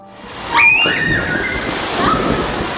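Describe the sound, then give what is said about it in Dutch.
A single loud splash as someone plunges into the reopened Het Bunn swimming pool in Urk, Flevoland, Netherlands, followed by a sustained wash of churning water and a brief high whistle-like tone over a steady background murmur. “De verlossende sprong.”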